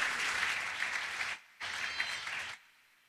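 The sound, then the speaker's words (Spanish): A crowd applauds in a dense, steady burst of clapping, stops briefly, then claps again for about a second before falling silent. No one speaks over it. “Un aplauso para en mi punto de apoyo.”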